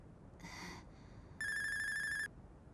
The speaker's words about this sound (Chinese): 有电话为什么不接呢？